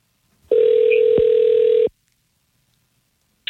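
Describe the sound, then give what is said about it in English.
A single telephone ring-back tone sounds clearly for about a second and a half, a steady buzzing purr heard as radio hosts place a call to a woman on air, followed by silence. “It's time to give her a call.”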